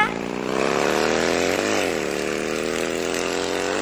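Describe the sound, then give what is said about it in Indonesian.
A motorcycle engine drones loudly and steadily as a young rider heads off on it, its pitch briefly rising and dipping as it revs partway through, then settling into an even hum. “Aduh, bawa motor terus lagi.”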